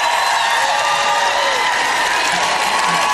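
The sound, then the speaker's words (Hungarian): An audience, invited to stand and shout, erupts in loud, sustained clapping and shouting, a dense, steady roar of many hands and voices that holds at full strength for about three seconds. “Nos, akár fel is állhattok, és kiabálhattok.”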